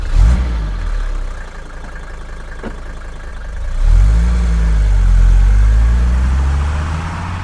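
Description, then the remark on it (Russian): A car engine revs briefly, settles into a low idle, then rises again as the car accelerates and pulls away, its rumble strong throughout with no talking. “А сейчас садитесь в машину и поехали.”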